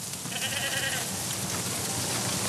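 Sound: goats bleating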